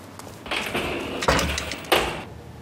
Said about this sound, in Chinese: 关门。